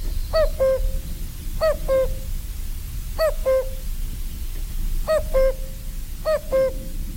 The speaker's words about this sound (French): Le coucou, on a beaucoup de mal à l'entendre, à moins d'aller dans les forêts, dans les bois, mais ici, dans le milieu bocager, milieu agricole...